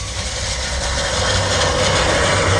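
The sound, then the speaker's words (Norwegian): An old-fashioned manual push reel mower, pushed by hand, cuts grass in a small garden with a steady, continuous whirring clatter, fairly loud and even throughout, with a low rumble underneath and no voices. “Det er en gammeldags gressklipper, så du må skyve på skjern”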